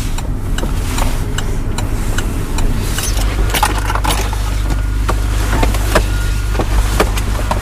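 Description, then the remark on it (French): A car idles with a steady low engine hum while sharp clicks and mechanical clatter repeat as the driver, turn signal already on, parks at the site of the former central dockers' labour office on the port of Dunkirk, France, and gets out. No one speaks. “Ouais, ouais, ouais, je vais me garer là. J'avais déjà mis mon clignotant pour te dire.”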